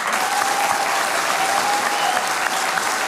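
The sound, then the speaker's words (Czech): Steady, dense applause from an audience fills the whole stretch, many hands clapping at once at a fairly loud, even level with no pauses; applause in support of a radio broadcaster. “Děkujeme za tu podporu a tím mám na mysli nejenom tenhle potlesk, ale vůbec vaší podporu, kterou my v rozhlase cítíme.”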